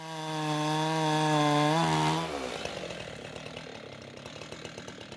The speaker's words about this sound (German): Das Sägeschwert taucht in den Stamm wie ein Messer in weiche Butter. Das will gelernt sein.